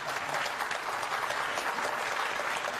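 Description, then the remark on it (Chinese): Steady, dense applause from an audience at a crosstalk (xiangsheng) show being recorded for Tianjin TV's Xiangsheng Dahui program, a continuous crackle of many hands clapping at an even, fairly loud level without any break or speech. “啊，经久不息，雷鸣般静悄悄的掌声，谢谢大家。”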